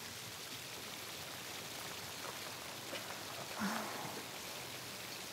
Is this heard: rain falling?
yes